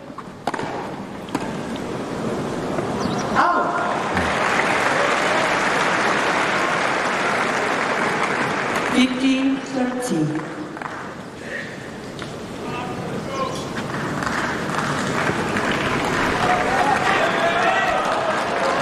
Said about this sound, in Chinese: 现在费里的这个发球局有一些压力了，现场的观众马上鼓掌，为本土的球员加油鼓劲儿打气。